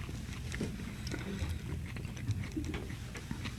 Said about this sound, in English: Now we're talking. And I can hear you chewing. Sounds really good.